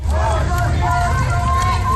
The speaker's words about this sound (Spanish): Protestas contra la presencia del ICE con gritos como de quién son estas calles, nuestras calles.